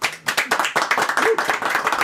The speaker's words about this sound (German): So, wir haben Besuch im Studio. Vielleicht kann der sich mal bemerkbar machen, so durch einen Applaus einfach mal so vorweg.